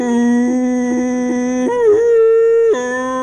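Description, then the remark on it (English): A human voice mimics three old plot hounds (bear dogs) howling, holding a long, wavering tonal note that jumps up in pitch midway, then drops back down, sounding deliberately off-key. “They're never in tune. I mean, when they howl, they're all out of tune.”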